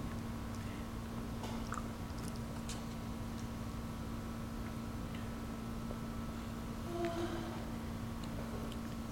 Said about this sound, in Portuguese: Vou tomar uma água aqui